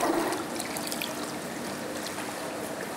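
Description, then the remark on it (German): Aquarium water trickles steadily through a siphon hose while the gravel is cleaned with a gravel bell, carrying the dirt straight into the drain; a continuous gurgling flow at moderate volume with no one speaking. “Das ist eine sogenannte Mulmenglocke, mit der ich jetzt quasi diesen Bodengrund ein bisschen auffühle und dann geht gleich der ganze Mulm, also der ganze Dreck geht dann, verschwindet gleich durch den Schlauch direkt ins Siel”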